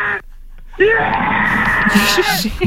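A man on the Slovak TV show Oplatí sa lets out a loud, strained scream that bursts in after a brief pause and holds for about two seconds, raw.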